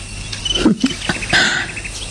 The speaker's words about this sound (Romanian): Auzi? Privighetoarea. E ora la care începe să cânte.